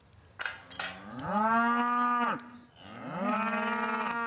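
A cow moos twice in long, loud, low calls, each rising in pitch and holding steady before dropping off, with a couple of short clanks or thumps just before the first moo.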